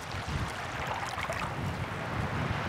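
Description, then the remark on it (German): Strong, steady wind gusts across open tidal flats as it pushes the tide back in, with low rumbling buffeting and a broad airy rush above it. There is no talking. “Durch den Wind irgendwie reingedrückt wird.”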